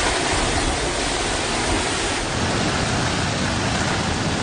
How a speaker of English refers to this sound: Typhoon Babi swirling up a storm as far as the eye can see.